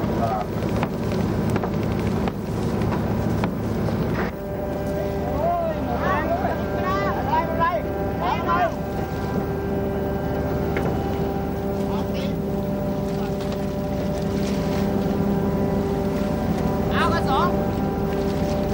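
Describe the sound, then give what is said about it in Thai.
A small fishing boat's engine drones steadily for the whole stretch as the boat runs in a curve, paying out net rope to encircle a school of fish; a continuous low throbbing hum with wind and water noise, and faint voices calling out partway through. “เพื่อให้รู้แน่ก็จำเป็นจะต้องลงอวนล้อมจับฝูงปลาขึ้นมาดูกันเรือเล็กจึงถูกปล่อยออกไปพร้อมๆกับเชือกอวนเรือต้องวิ่งตีโค้งเพื่อให้อวนล้อมรอบฝูงปลาไว้ภายใน”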